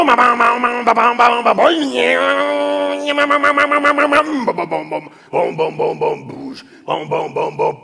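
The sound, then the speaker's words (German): Someone mimics a two-stroke chainsaw cutting through material as a tree falls, with their voice: a buzzy, sputtering idle that revs up into a sustained high whine, then drops back into choppy, rhythmic pulses of revving. “Das war die Zweitakter-Kettensäge.”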